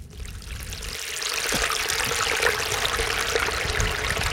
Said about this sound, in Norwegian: Ja, etter å ha drevet litt detektivvirksomhet så har vi endelig funnet bekken da, hvor disse dyrene, kadaverne funnet, og det like ved E18, Undrumsdal I Vestfold, på en sidevei under ei bro, og her det egentlig ganske idyllisk.